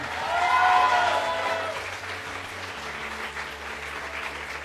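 A crowd claps steadily as a panelist is called to the stage, the applause loudest at the start and then settling into an even patter, with a low droning musical tone running underneath.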